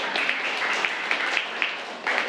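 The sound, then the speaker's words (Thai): A steady burst of applause from a group of students for a classmate who just answered a question about a painting: dense overlapping claps with a few sharper hand-claps popping out, filling the whole moment without any talking. “ขอเสียงปรบมือให้เพื่อนก่อนครับ”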